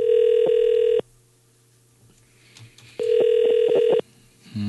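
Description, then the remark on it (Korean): A telephone ringback tone purrs in two steady one-second bursts with a quiet gap between, the familiar ringing heard while an outgoing call to a person who sent a text message waits to be answered; the call is not picked up. Clear. “신호가 가고 있어요.”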